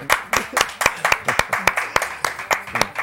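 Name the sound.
applause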